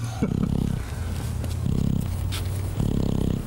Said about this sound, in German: Hier hört man, wie er schnarcht.